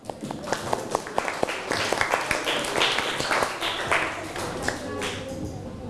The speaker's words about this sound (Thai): ให้กลุ่มที่สองก่อนปรบมือให้กลุ่มที่สองหน่อยเร็ว